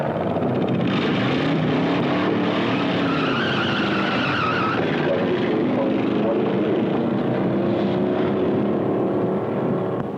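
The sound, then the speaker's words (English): A car engine roars at high speed, its pitch climbing and falling as the vehicle accelerates hard, loud throughout, with tires hissing and a brief skid-like edge; the car is being driven at a place for testing what a car can really do. “This is the place to test your car, see what it'll really do.”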